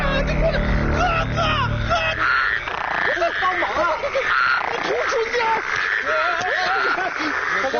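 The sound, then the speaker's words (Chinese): A loud, dense chorus of toads croaking, many overlapping calls running continuously, with a low rumble underneath for the first couple of seconds. “这不是蛤蟆给我困住了吗？”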